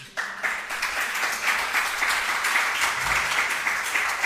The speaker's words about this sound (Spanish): Un aplauso para él.